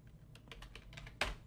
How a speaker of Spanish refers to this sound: Y ese tecleo, ya saben qué significa, que vamos a escucharla de inmediato.